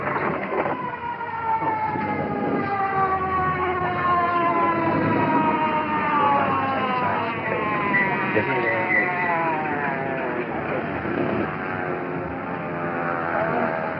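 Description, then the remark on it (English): An ambulance siren wails in the distance as it approaches, its rising and falling tones sweeping for the whole stretch at a steady, moderate loudness over a low traffic rumble. “In the distance, the ambulance.”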